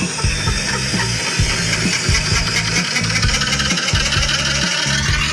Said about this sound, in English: Doesn't sound great, does it? Doesn't. I thought it was like a helicopter landing on our roof of the house. But it wasn't. It was just the washing machine, and it was almost like the drum had come loose. I don't even know if that's possible.